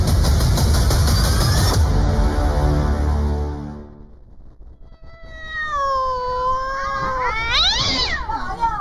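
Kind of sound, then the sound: animal, cat caterwauling noisily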